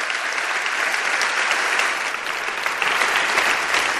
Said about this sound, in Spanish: Ese aplauso también para ti